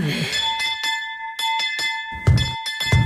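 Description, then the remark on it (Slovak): A doorbell rings violently and without pause, its metallic tone ringing on under a rapid series of sharp strikes, with a couple of heavy thuds of banging on the door near the end. “Čo sú to za more si takto nivočiť zvonec?”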